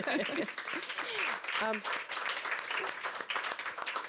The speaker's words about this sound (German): Also Applaus für das Familienunternehmen.